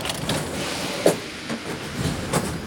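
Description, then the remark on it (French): A metro train rumbles steadily, with periodic clacks and a brief squeal of wheels or brakes as it rolls into the station. No one speaks. “Le métro arrive.”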